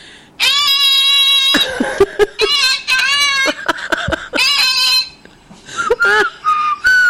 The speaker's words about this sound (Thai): นั่นแน่มีผิวปากด้วยเหรอ…